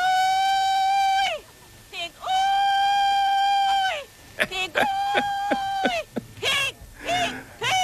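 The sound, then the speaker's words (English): A loud pig call from a 1940s pig calling contest: a voice bellows two long, high, sustained cries, then breaks into a string of quick, choppy whoops and sliding yelps. “I also found pig calling contest. This is from the 1940s.”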